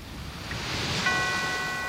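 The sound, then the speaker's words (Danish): Ocean surf washes in a steady, swelling roar at the start of a late-1990s Danish song intro, and about halfway through a clear ringing church bell tone enters and sustains over the waves. “Bølger, kirkeklokke, hvad mere skal du bruge?”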